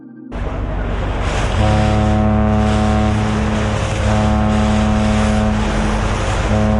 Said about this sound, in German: Ein Frachtschiff auf dem Weg nach Basel. Normalerweise liegt es tief im Wasser. Voll beladen mit Container, Getreide oder Treibstoff.